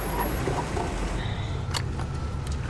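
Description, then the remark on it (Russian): A black car drives through a city with a steady engine rumble and constant road noise, broken only by a couple of brief high clicks near the end. “Он едет по городу на черном автомобиле МК.”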